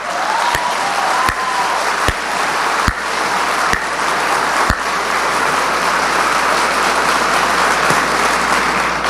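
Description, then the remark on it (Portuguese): Steady applause fills the whole stretch, with a handful of sharp, evenly spaced individual claps standing out above the dense wash of clapping. No one speaks. “Eu vou aplaudir sozinho.”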